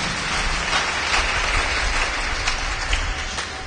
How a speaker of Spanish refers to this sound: Demos palmas a Cristo Jesús fuertes, hermanos.